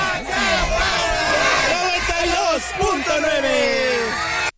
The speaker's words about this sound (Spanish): Eso es todo y nos despedimos de aquí de Xochimilco con el grito de guerra y se dice, aquí suena.